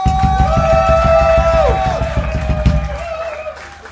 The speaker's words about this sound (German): Und nochmal einen großen Applaus